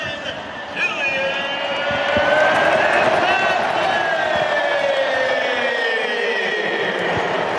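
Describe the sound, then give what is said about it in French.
A loud stadium crowd at a World Cup match roars and cheers after Kylian Mbappé scores his fifth goal of the tournament for France against Sweden. It is a dense, sustained wall of voices with rising and falling shouts throughout, swelling slightly partway through and staying strong to the end. “Et écoutez l'acclamation.”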